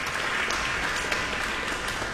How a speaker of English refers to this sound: You just got a very big round of applause.